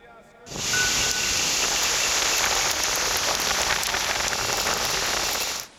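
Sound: heavy rain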